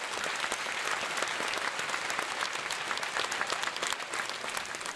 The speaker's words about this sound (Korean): 자, 끝으로 대한민국 학술원 회원이자 진관사 수립자 유네스코 등재 추진위원장이신 임돈희 교수님의 축사 말씀을 함께 들으시겠습니다. 박수로 환영해 주십시오.